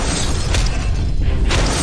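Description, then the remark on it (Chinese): A loud, dense burst of cartoon cannon fire from an improved thunderbolt cannon (霹雳炮), with crashing debris and two sharper impacts punching through a continuous rumbling, smashing roar. “哎，好了，改良版霹雳炮， 给我砸！”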